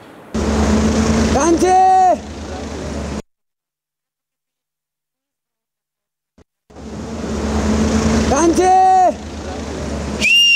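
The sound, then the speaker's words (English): A man at Devi Ghat whistles loudly across the Trishuli river in a series of short, rising and falling calls to his family on the other bank, over a steady roar of rushing water, then pauses in silence before whistling another run of calls. “He whistles across the Trishuli, calling out to his family on the other side.”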